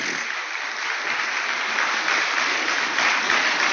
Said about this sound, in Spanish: Esto merece un aplauso al Señor, familia.